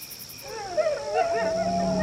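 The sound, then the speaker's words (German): Wolves howling as they keep coming closer: a long, wavering wail that rises and then holds steady, with other howling voices overlapping it. Fairly loud and continuous for about two seconds, with no talking. “Oh, Wölfe! Oh nein, was sollen wir tun? Die kommen immer näher.”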